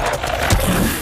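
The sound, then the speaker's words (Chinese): A loud, rough, raspy roar from a giant three-eyed guardian dog beast of a pagoda's top floor, lasting about a second with a deep rumbling surge near the middle. No voices are heard. “这条大狗是宝塔顶层的守护兽，它的第三只眼睛也会产生幻象迷惑人。”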